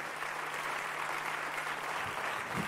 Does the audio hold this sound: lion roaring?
no